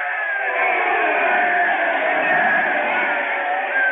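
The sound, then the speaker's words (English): A massive baseball stadium crowd roars continuously as the St. Louis manager comes up out of the dugout, a dense wall of screaming and yelling voices that stays loud and steady throughout, with a few higher shrieks cutting through the din. “Louis manager is up out of the dugout, and everyone is screaming and yelling.”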